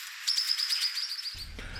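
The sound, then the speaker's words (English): A swift parrot, a rare sighting, gives a rapid series of high, thin, metallic chirps, calling repeatedly in quick succession, clear, with no talking. “And the beautiful call of the swifty, the swift parrot sighting, a rare sighting indeed.”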